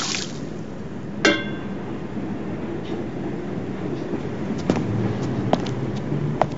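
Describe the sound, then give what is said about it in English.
Outside at night, water splashes and pours steadily out of tin flower containers being emptied, with a sharp metallic clank early on and a few light knocks and clinks of the tins through the rest of the pouring. “Outside at night, Seymour empties water from tin flower containers.”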